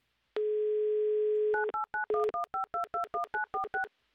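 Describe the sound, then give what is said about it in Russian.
A steady telephone dial tone hums for about a second, then gives way to a quick run of around a dozen crisp touch-tone beeps as a number is dialed to call a mobile phone, clear with no voices. “Звоним Михаилу, делаем это прямо сейчас.”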